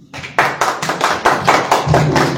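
Loud audience clapping in a steady, rhythmic beat, with roughly eight crisp claps in quick succession and no voices over it.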